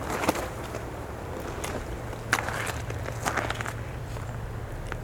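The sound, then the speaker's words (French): Soft footsteps tread gently along a small, waterlogged path overgrown with thick Mediterranean-type vegetation, a few light crunching steps spaced unevenly over a steady low outdoor rumble, with no voices. “Vous marchez délicatement.”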